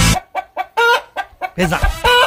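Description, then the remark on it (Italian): Rhythmic chicken clucks and squawks arranged into a melodic, song-like pattern, a chicken-clucking version of a song, with a steady beat of short bursts and longer drawn-out cackles, loud. “Ma ce n'è un'altra, c'è un'altra a tema gallina.”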